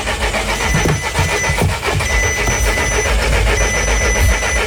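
A car engine cranks over and over without catching as its battery fails in hot weather, a loud, steady grinding churn that runs for several seconds with no voices.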